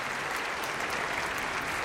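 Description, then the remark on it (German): Steady audience applause, a dense wash of many hands clapping at once, sustained evenly for a couple of seconds with no voices standing out. “Applaus!”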